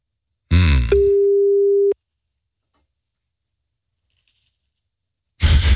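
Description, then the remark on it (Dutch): During a 3FM radio show, the host phones the weekend wine-advice presenter: a brief burst of noise gives way to a steady, mid-pitched telephone tone that holds for about a second and cuts off, followed by silence and another noisy rustle at the end. “Goedemorgen, ik was je net aan het bellen.”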